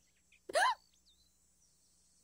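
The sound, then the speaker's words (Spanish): A single loud, squeaky hiccup, followed by a quiet pause before another hiccup begins right at the end. “Ya sé lo que cura el hipo.”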